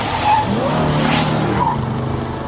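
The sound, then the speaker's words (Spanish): Car tires screech in a loud, sustained skid lasting a couple of seconds in a car accident, with engine rumble underneath, intense, then tapering off without a clear impact. “En un mundo ideal, podríamos avisarte antes de un accidente de auto.”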